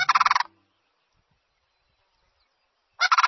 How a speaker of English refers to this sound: It's late winter, and cranes are calling loudly to one another.